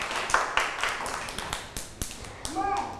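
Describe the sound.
Scattered, uneven hand claps, a handful of sharp smacks spread over a few seconds, with a child's voice chiming in toward the end and soft background chatter.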